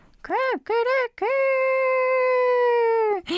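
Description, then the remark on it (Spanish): A voice imitates a rooster crowing: two short arching syllables followed by one long, steady, high-pitched held note, loud and alone, ending abruptly after about three seconds. “el anuncio del gallo, el conejito sabía que ya era su momento.”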